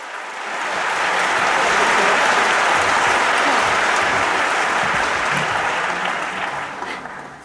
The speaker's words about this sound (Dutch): Applaus.